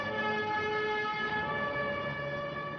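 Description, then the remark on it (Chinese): A loud, continuous siren-like tone with steady harmonics sounds on its own for about three seconds, unbroken, resembling an ambulance siren. It is the ambulance-siren alarm of a multifunction alarm clock, sounded when the sleeper has not got up after the ringtone. “它首先会在每天早上准时通知您起床，而如果您在铃声响过之后还没起来的话，它就会发出救护车的报警声。”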